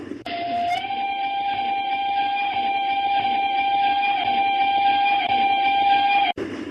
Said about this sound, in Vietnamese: Kính thưa quý vị, tiếng còi tàu vừa vang lên một hồi dài, báo hiệu chiếc đầu máy hơi nước đã bắt đầu giảm tốc độ, từ từ tiến vào ga Deep River Landing, điểm dừng chân cuối cùng của chặng đường sắt.